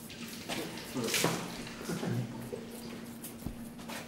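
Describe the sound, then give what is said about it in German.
Cold tap water runs steadily into a bucket during a veterinary operation on a deer, a continuous splashing hiss with a few hollow clunks and knocks, plus a low electrical hum in the background. “Ich brauche mal irgendwie einen Eimer mit ein bisschen Wasser, so viel Wasser drin oder so. Einfach kaltes Wasser, so wie es kommt.”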